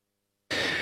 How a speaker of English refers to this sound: I'm going to cough. Hang on.